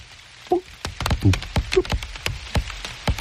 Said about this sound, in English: The sabo tree itself is absolutely covered by other plants growing one on top of the other. And when it rained, I went from leaf to leaf under the tree canopy, recording, pressing the microphone up close to the leaves to hear the different